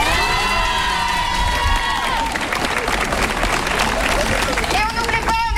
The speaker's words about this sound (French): On peut applaudir tout le personnel d'établissement, les AED, les AESH, les profs, la direction, les cantiniers et cantinières, les agents d'entretien, les infirmières et la psy. On les applaudit bien fort s'il vous plaît.